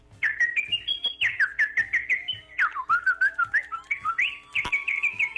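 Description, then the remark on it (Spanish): A person whistles a short, warbling tune, the melody rising and falling in quick trills and slides for a few seconds, with no talking over it. “Un chiflidito para la suerte.”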